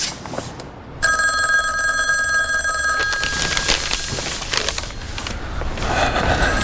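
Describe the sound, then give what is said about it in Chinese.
A phone line rings once on an outgoing call, a steady electronic tone lasting about two seconds, then gives way to rough, crackling background noise with no voices. “哎，我们要不要给怪胎打个电话？”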